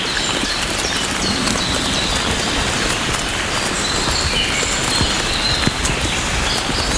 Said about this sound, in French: Nous marchons. Nous marchons. Bercés par cette fine pluie.